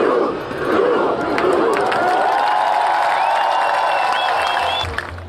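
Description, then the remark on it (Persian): A huge crowd of more than 100,000 people holding flags roars and cheers continuously in the square before the Royal Palace in Oslo, welcoming Norway's national football team, a dense wash of shouting voices with rising whistles and yells cutting through, staying loud for several seconds before easing slightly at the end. “با پرچم‌های در دست و فریادهایی که تلخی شکست مقابل انگلستان را برای واکینگ‌ها از یاد می‌برد.”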